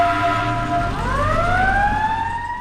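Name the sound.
emergency vehicle siren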